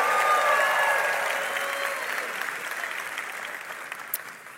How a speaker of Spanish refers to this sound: Vamos, fuerte ese aplauso